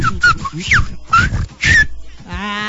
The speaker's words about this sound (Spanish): Saluditos al silbidito. Ah, bueno, entonces ya entre silbidos se comunican ustedes, ya se entienden, sí, entre silbidos.